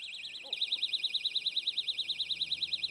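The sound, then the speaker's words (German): An owl-shaped personal safety alarm, rated by its maker at 130 decibels, bursts on after a brief moment and shrieks continuously, its piercing high tone warbling rapidly up and down, loud with no voices. “Die Eule wirkt aber deutlich leiser. Also das war jetzt nicht so unangenehm im Ohr wie...”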